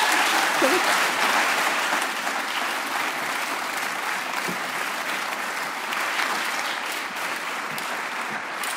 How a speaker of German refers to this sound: Deinen Applaus nochmal.